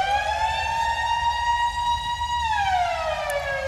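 A loud civil defense siren, taken from a 1980s sound-effects record made for DJs, wails on a sustained, slightly rising tone, then begins to wind down and fall in pitch near the end, with no voices present.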